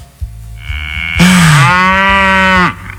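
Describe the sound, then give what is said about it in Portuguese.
A single cow lets out a loud, drawn-out moo, holding for about a second and a half over a low, steady rumble in the background. “Um boi hoje é muito caro.”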